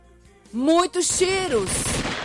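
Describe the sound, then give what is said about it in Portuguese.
A voice mimics rapid gunfire, a quick burst of loud, noisy shots with rising and falling tones lasting a couple of seconds, prominent, representing the many shots fired by killers who invaded a house at dawn in Ceará, Brazil, where a man lay sleeping. “Um homem dormia em casa de madrugada quando os matadores invadiram a residência e clarearam o tempo de tiros.”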